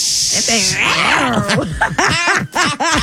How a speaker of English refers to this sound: It's no nice little purrs to it, is there? Yeah, it's an angry little cat right now. Yeah, jungle cat.